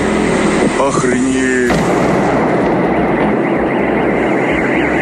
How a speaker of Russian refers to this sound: Очевидцы писали о взрывах над территорией Новошахтинского нефтеперерабатывающего завода